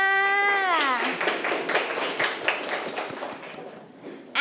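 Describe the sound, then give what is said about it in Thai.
A group of classmates claps together for a group that has just presented in class, in a dense, steady burst lasting several seconds, moderately loud, right after a short voice trails off at the start. “ปรบมือให้เพื่อนค่ะ”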